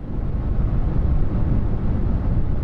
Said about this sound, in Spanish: Ese es el sonido verde.